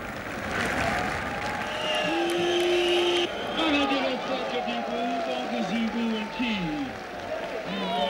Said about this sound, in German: Aufgrund der Verspätung hagelt es zunächst Buhrufe.